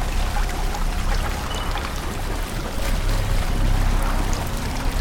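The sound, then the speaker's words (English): Water sloshing and churning steadily as people wade with flashlights through chest-deep water in a tunnel, a continuous swirl and splash with no pauses and no voices. “They are now in a tunnel filled with water that reaches their chests. They wade through with flashlights on.”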